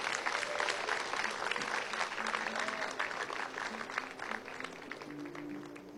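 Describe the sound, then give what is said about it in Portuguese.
A church audience claps for Jesus steadily and continuously, a dense wash of applause that holds strong throughout and tapers slightly at the end, with faint voices murmuring underneath. “Aplaude Jesus, glorifique o nome santo do Senhor.”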